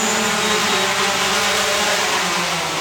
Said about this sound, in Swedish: en drönare med alla 5 paketen till den här byn. Nu ser vi den. Och kommer in för landning!